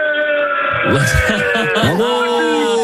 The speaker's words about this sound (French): Rugbymen, on est sur Europe 1, est-ce que vous pouvez crier pour votre équipe?